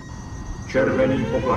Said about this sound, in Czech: Slyšíte? To nejsou jejich signály. To je normální palubní poplach.